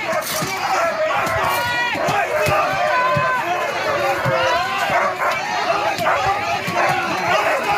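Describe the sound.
Dogs bark repeatedly amid a loud, dense crowd, with shouting voices, running footsteps and occasional thuds in a chaotic outdoor scene, as police using batons and dogs remove demonstrators trying to block the entrance of the Maersk building on 13 May.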